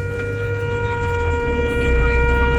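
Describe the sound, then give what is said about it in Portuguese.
A vehicle horn blares in one long, steady blast, loud, its tone held unbroken throughout over a low rumbling background. “Só vai chegando as buzinas, vai lá.”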